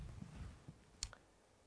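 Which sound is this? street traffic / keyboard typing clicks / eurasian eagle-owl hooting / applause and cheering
keyboard typing clicks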